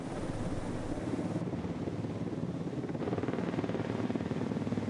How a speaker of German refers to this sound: Das erste der gusseisernen Turmteile ist auf dem Weg in den Hafen. Bis jetzt wussten sie nicht, wie schwer die Segmente sein werden. In den alten Zeichnungen war nichts zu finden. Ja, 3,3. 3,3 Tonnen. Damit kommt der Heli gut zurecht.